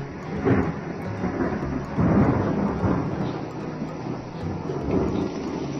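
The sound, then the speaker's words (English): Deep, rolling thunder rumbles continuously, swelling in a few heavy surges over a steady low roar, loud with no voices. “And thunder.”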